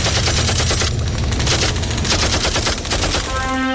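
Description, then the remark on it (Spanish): Heavy gunfire rattles continuously in dense, rapid bursts, loud and overlapping like several automatic weapons firing at once, as enemies fire all their weaponry at a torpedo boat whose crew fires back, with no voices, ending in a brief high ringing tone. “Ellos nos van a disparar con todo el armamento que tienen.”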